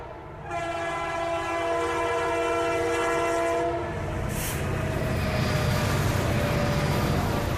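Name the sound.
high-speed electric train passing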